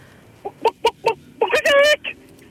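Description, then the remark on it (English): A radio caller does a chicken impression: four quick, clipped clucks, then a loud, drawn-out squawk and one last short cluck. “Alrighty, whenever you're ready, give me your best chicken impression.”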